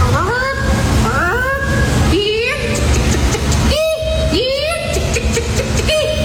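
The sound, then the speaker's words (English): A person imitates a chicken call as the third-place entry in a chicken calling competition: a series of about five loud, high, rising squawks and whoops in quick succession, over a steady background murmur. “What about this for sounds? The chicken calling competition. Let's start with third place.”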